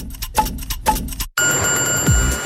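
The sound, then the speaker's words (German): An ice cream truck's bell rings in a quick, bright, jangling series of strikes, then cuts off abruptly to a steady hum with a thin high whine and a low rumble. “Das fröhliche Klingeln vom Eiswagen.”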